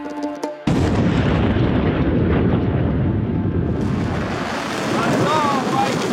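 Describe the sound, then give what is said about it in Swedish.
A deep, continuous roar of rockets launching bursts in after a brief tonal sound and rumbles steadily for several seconds, with faint high whistling cries rising over it toward the end. “Iranska raketer mot Israel som lyser upp natthimlen och enligt iransk stats-tv jubel från åskådare på marken som följs av flyglarm i Haifa i norra Israel.”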